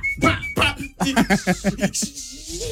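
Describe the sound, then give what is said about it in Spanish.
A person whistles a few short, clear notes, followed by a voice making quick rhythmic syllables and a low rising hum. “Y chifleme, pajarito, sílvame.”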